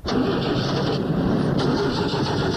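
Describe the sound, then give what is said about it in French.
The engine of a badly damaged car cranks steadily and loudly, a continuous grinding churn that never catches and runs, with no voices over it. “essaie de démarrer pour le monsieur pour voir si on peut la démarrer.”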